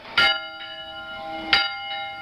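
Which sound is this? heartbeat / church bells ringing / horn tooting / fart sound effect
church bells ringing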